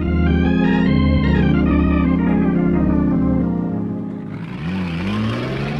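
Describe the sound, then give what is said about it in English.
Loud engines of two trucks racing on hilly roads rev and roar continuously, their pitch climbing and sliding, then shifting to a rougher, rising whine near the end. No one speaks. “Denny wants to race. He thinks his truck has more power than mine.”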